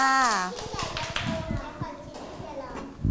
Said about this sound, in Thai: ปรบมือให้กับน้อง